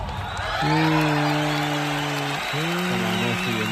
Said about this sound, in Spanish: Voy a pedir un aplauso para nosotros.